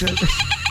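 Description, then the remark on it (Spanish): A short, wavering goat bleat, loud, with a shaky, nasal quality lasting under a second and no other sounds around it. “Las cabras, unos delfines.”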